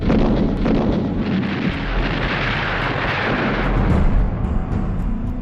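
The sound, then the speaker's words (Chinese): A dense, continuous roar of battle as the Japanese army attacks Shanghai in 1932: heavy booms and rumbling explosions blend with crackling gunfire, loud, filling the whole stretch without pause and with no voices. “然而在上海美专当老师还不到两年，蒋兆和平静的校园生活就被日军的枪炮声打破。”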